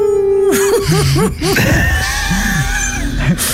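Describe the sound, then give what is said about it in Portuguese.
A storm wind howls steadily, with wavering moans that rise and fall in pitch and a thin whistling tone running through the middle, loud and continuous for the whole stretch. “Lá fora uivava uma tempestade enorme.”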